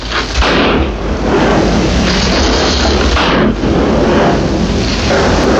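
Loud, dense gunfire from The Searchers, John Ford's 1956 western film starring John Wayne, with heavy booming shots bursting out of a continuous roar of noise at uneven intervals, no voices heard.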